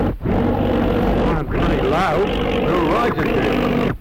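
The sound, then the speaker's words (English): A loud aeroplane engine drones steadily right overhead, cutting out briefly two or three times as it sputters as if something is wrong with it, as the plane comes down toward a paddock, with what may be voices mixed into the roar. “Oh, it's an aeroplane right overhead.”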